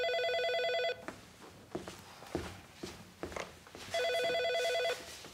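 A telephone rings twice, each ring a steady electronic trill lasting about a second, separated by a pause filled with footsteps and shuffling movement.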